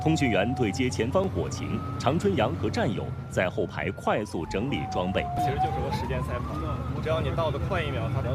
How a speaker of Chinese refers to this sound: 4月29号上午10点多，警铃骤响